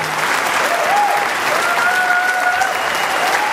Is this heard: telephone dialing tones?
no